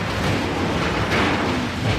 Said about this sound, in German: Wir haben hier den LKW vor uns. Was hat der gemacht? Also hier in dem Bereich werden die Steine angeliefert aus unseren umliegenden Steinbrüchen und werden dann der Weiterverarbeitung zugeführt.